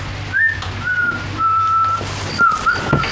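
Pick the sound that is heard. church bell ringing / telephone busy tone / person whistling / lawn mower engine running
person whistling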